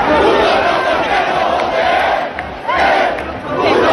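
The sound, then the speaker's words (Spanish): A large crowd aggressively shouts and chants "puto rojo el que no vote" in a coordinated attempt to break up the housing protest camp at Puerta del Sol, a dense, continuous roar of many voices with rhythmic surges, loud throughout with a brief dip before swelling again. “Gritando puto rojo el que no vote ayer en un intento coordinado que hubo para reventar la acampada de la Puerta del Sol por la vivienda.”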